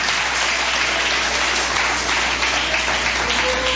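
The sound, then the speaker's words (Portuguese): A church audience claps to give glory to God, a dense, loud wash of many hands continuing throughout without pause, with no one speaking over it. “Pode bater palma e dar glória a Deus, igreja.”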